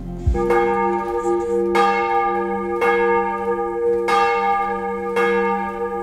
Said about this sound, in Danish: Klokkerne ringer til morgenandragt fra Vor Frue Kirke i København.